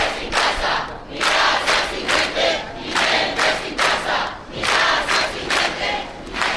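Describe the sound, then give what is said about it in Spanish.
A crowd of protesters at a family's eviction in the Canary Islands chants and shouts in loud, rhythmic bursts in the morning, voices rising and falling in a steady repeated cadence without pause. “Vamos a escuchar qué gritan a esta hora.”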